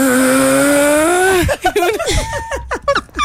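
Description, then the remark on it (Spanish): A voice imitates a loud, rumbling snore like a straining truck engine, droning steadily for over a second before breaking into choppy, sputtering vocal bursts. “Una tractomula subiendo por la línea.”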